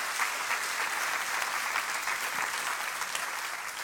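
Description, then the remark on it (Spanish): Sustained applause from a large audience, a dense steady wash of many hands clapping at once, fairly loud and continuous throughout with no speech over it; the applause started at the back and moved forward. “Bueno, den un aplauso que arrancó de atrás para adelante.”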